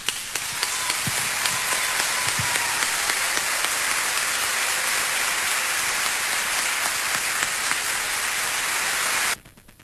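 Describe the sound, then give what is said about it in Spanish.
Steady audience applause for the artists on stage, a dense wash of many hands clapping at an even level for about nine seconds before stopping abruptly. No voices are heard. “Mi felicidad es compartir este escenario con estos grandes artistas, y yo les brindo mi aplauso personal.”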